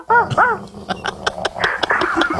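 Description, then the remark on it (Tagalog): A person imitates a dog barking, two short, loud woofs up front followed by a quick run of clipped, yappy sounds, with no talking. “Ayun, nung pag may nakikita na talaga akong grupo ng aso, ano, tinatahulan ko eh.”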